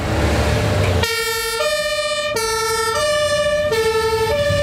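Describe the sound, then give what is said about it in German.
The siren of a St. Ingbert fire brigade engine, a Tele 4000 carrying 5000 liters of water, blares in a steady two-tone pattern, switching between a high and a low pitch about every half second, loud over a rumbling engine after a brief stretch of road noise. “Das ist ein Tele 4000, hat 5000 Liter Wasser an Bord.”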